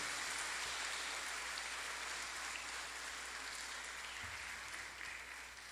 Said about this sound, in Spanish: Hermanos, a los cumpleañeros de este domingo los felicitamos con un fuerte aplauso. ¡Feliz cumpleaños!